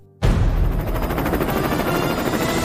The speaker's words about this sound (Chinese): 我们已经听见远处有马达的声音。 第一位飞行梦想家的登场方式有些特别。 直升飞机已经穿越了我们前方的这座高塔，目前正在稳稳地准备降落在我们的场地中心。